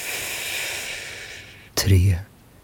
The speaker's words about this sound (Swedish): Andas in.